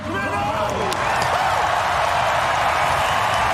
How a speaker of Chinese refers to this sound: 现场也是爆发出了雷鸣般的掌声和欢呼声。